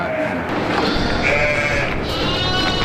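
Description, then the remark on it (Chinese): Hu sheep, a Chinese sheep breed from the Taihu plain, bleat loudly, several overlapping calls wavering over a dense, steady din of the flock that fills the whole few seconds without pause. “胡羊这一中国特有的珍贵绵羊品种，主要产于太湖平原一带。”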